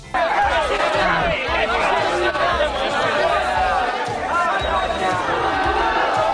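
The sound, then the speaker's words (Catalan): A large crowd shouts protest chants against Vox at an event presided over by mayor Jaume Collboni, many voices overlapping in a loud, continuous roar that holds steady for several seconds without a break. “Podem escoltar el tall dels crits de contra Vox?”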